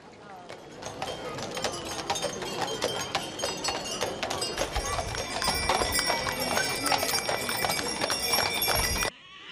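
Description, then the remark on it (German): Many horse hooves clip-clop steadily on pavement as riders, carriages and teams pass in a horse festival parade through Zwönitz, Germany, the rhythmic clatter dense, with faint metallic jingles and a murmur of voices in the background. “Mit insgesamt 33 Bildern ziehen Reiter, Kutschen und Gespanne durch Zwönitz und weiter in Richtung Reitplatz nach Kühnheide.”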